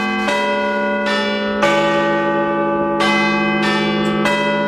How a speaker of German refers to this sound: Das sind die Glocken des Big Ben und die könnt ihr live erleben.